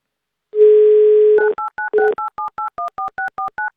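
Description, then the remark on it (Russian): A steady telephone dial tone holds for about a second, then gives way to a quick, even run of around a dozen short two-pitch keypad beeps as Avtoradio hosts phone a listener, loud and with no voices. “Гудки нам не нужны.”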